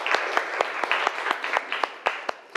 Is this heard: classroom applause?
yes